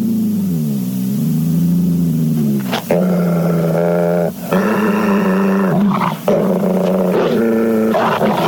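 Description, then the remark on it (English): A wolf dog growls loudly while chasing a rat down in a dim, candlelit place, a deep continuous rumble that swells into several harsher snarling bursts, with no talking. “Exterminate that rat, wolf dog!”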